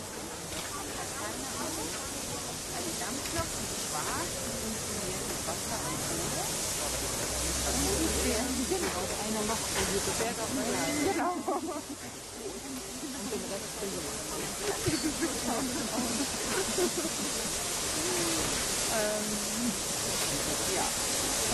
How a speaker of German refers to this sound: Bitte auch die Gäste im Rundhaus am Stand 3, also zwischen der 58 und der 503501, zur Seite treten, damit wir die Dampflok hier schön ins Haus zurücksetzen können.